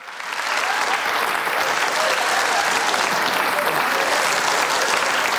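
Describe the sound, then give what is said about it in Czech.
An audience bursts into steady, sustained applause as Petr Novotný comes on stage for a humor program on Czech Radio Karlovy Vary, the dense clapping rising quickly and holding at a loud, even level throughout with no pauses. “A teď jeden potlesk, prosím, protože na scénu přichází Petr Novotný.”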